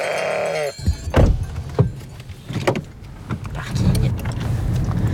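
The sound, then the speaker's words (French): A ewe gives one wavering bleat at the start, followed by clunks and knocks over the low hum of a car's engine. “Elle nous dit au revoir.”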